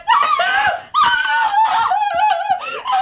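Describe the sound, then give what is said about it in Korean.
An elderly woman screams, her loud, shrill wails filling a house, broken by a few short gasps, the cries rising and wavering continuously for about three seconds with no talking. “입을 다물자 집안은 할머니의 비명으로 가득 찼다.”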